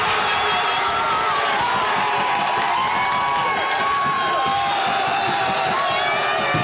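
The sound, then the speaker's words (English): A dense crowd of soccer fans at a bar in Winnipeg screams and cheers loudly and continuously at a late goal as Canada scores against South Africa, many voices overlapping into a roaring wall of excitement with shrill shouts rising above it, sustained throughout. “A lot of people were screaming when that late game goal came as Canada scored against South Africa.”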